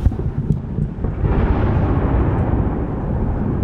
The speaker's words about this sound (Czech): Krátce po vyhlášení vzdušného poplachu se v Oděse ozvalo několik silných explozí. Jeden z raketodronů zasáhl největší stadion na jihu Ukrajiny.